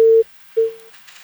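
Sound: telephone busy tone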